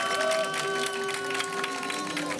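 An audience applauds steadily throughout for a performance of the Korean folk song Yeokgeum Arari, a dense, even wash of clapping at moderate loudness, with a few sustained musical tones faintly held underneath.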